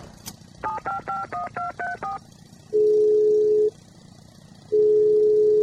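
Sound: telephone number being dialed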